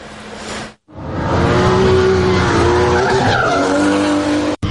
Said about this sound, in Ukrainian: Вереск шин і хмари диму. Така нині атмосфера на треку.